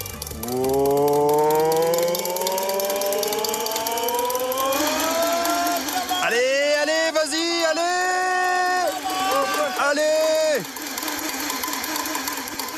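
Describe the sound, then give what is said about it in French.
A race car engine cranks and spins up with a steadily rising whine, then revs in several sharp, buzzing bursts before cutting off abruptly. “Le synchro-saint démarrage du moteur.”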